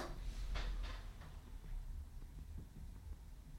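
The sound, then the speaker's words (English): A door opens quietly: a couple of soft clunks early on, then faint handling sounds over a low background rumble, with no one speaking. “Here, I'll even open the door for you.”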